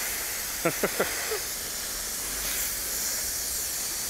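A steady, even hiss of water spraying over an animal as a small shower against the heat runs through the whole clip, with three quick sharp bursts, like splashes or squawks, cutting in near the start.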